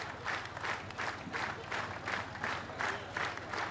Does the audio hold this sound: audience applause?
yes